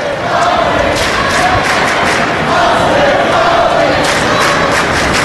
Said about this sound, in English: Rebel fans haven't given up. They're cheering for Austin Fawley.